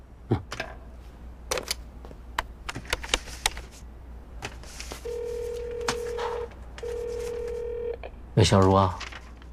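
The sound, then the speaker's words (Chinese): A phone number is tapped out in a string of sharp, irregular keypad clicks as someone calls their family, followed by two long, steady electronic tones from the line and a short, loud burst at the end. “我能给我家人打个电话吗？”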